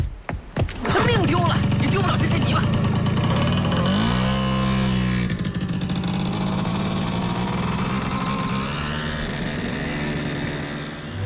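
A motorcycle engine roars, revving with a sharp rising pitch partway through, then holds a loud, steady drone as the bike rides off carrying archaeological samples back for analysis.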